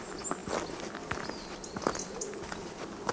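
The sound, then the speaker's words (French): Footsteps crunch along at an uneven walking pace, a handful of soft thuds over a steady outdoor hiss, with faint high bird calls and the thin ringing of clarines (cowbells, locally called sonail) threading through. “marche, rythmée par la musique des clarines, qu'ici on appelle sonail.”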